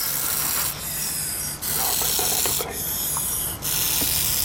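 A young úžovka sanmartinská, a non-venomous snake, vibrating the tip of its tail while raising the front of its body to deter a predator, making a rattlesnake-like buzz: a steady, dry, hissy rasp that runs almost continuously, dipping briefly three times, with no voices.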